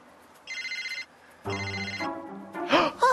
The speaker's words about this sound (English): My cell phone's ringing!